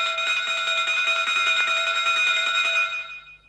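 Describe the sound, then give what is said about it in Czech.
A station departure bell rings continuously with a rapid, rattling clapper and a bright metallic tone, loud and steady for about three seconds before fading out. No voices are heard. “Po druhém zvonění už nemůžeš stát na nástupišti.”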